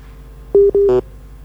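A telephone line tone after a phone-in caller's call from Pare-Pare drops: two short, steady electronic beeps in quick succession, the second ending with a brief buzzy burst, heard clearly with no one speaking.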